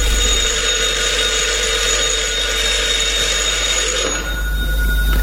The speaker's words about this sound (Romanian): Telefonul, proaspăt instalat, nu mai contenește să sune.